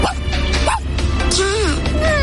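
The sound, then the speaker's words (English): A mother's voice imitates a tiny dog for a child, giving a few short, high-pitched yips with rising and falling pitch over a faint low background hum. “What about the tiny dog?”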